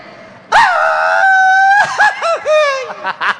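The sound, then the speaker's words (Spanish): A loud solo voice lets out a long held cry that breaks into a series of rising-and-falling, warbling yips and whoops, a traditional Mexican grito with no one else heard. “Te tienes que aventar un grito mexicano.”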